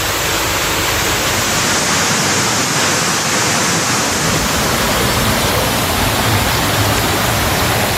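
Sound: rushing floodwater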